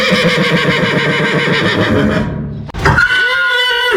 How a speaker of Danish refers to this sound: Uanset hvad, så er jeg helt sikker på, at du har set en hest stå på en mark, og måske også sige en helt særlig lyd, nemlig det her hestevrinsk. Skal vi lige prøve at høre det?